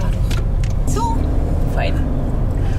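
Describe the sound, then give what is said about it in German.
A black car with a purple city silhouette, used for a women's ride service, turns around on the road because of a construction site, its engine rumbling low and steady throughout, with a couple of brief high squeaks over the continuous drone. “muss ihr Auto wenden und eine andere Route nehmen.”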